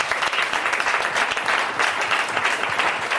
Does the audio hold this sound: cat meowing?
no